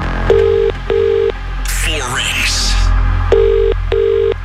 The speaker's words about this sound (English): We're making this call right now. And if this is you, you'll need to tell us today's winning amount and you must answer within 5 rings. One ring. Two rings. Three rings.